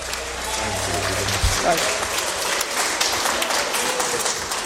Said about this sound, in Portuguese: Então vamos se colocar de pé, vamos receber o servo do Senhor com alegria, com palmas para Cristo, bem alegre as palmas para o Senhor.